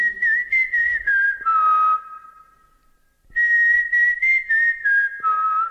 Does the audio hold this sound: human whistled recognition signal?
yes